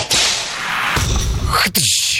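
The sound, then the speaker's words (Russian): Sharp whip cracks of the kind used to drive cattle, three loud snaps spaced across two seconds, the last one a swishing crack with a dense hiss between them and no voices. “Да, в деревне просто рос. Скотин гоняли. Такими звуками.”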